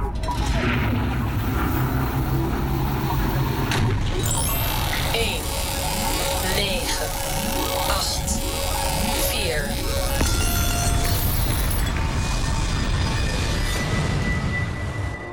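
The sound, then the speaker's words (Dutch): The motors of a time machine roar as its start button is pressed. A loud, continuous roar of whirring motors fills the whole stretch, with a steady electric hum, buzzing textures and repeated rising and falling sweeps, like a sci-fi machine powering up. “Die motoren, die loeien al.”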